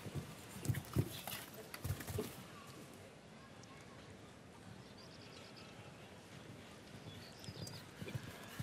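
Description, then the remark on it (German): A horse's hooves thud in a quick, rhythmic canter as Canadian rider Erin Barrière's horse The Flor Santa Rosa approaches a vertical jump in show jumping, loudest in the first couple of seconds, then fade into a soft background hum with faint scattered chirps and murmuring. “So, kam ja ein bisschen zu schwungvoll in der Distanz zum Steilsprung, damit etwas zu dicht herangeritten.”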